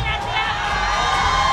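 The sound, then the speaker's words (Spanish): A live festival audience in El Bosque shouts and cheers continuously during a live radio recording, a dense, loud wall of voices with no pauses, energetic throughout. “Grite, grite, estamos en radio, vivo, vivo.”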